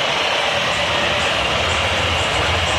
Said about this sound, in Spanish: El momento, escuchen la silbatina del público.